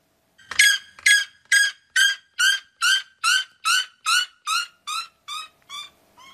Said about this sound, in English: Then the red-legged Seriema, who sounds like a seagull being tickled, maybe? This video is from a Wisconsin wildlife park.